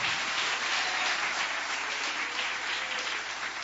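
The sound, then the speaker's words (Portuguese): A church audience claps together in steady, dense applause, a continuous wash of many hands at an even, fairly loud level throughout, with no voices standing out. “Só aqueles que têm esta paz podem bater palmas.”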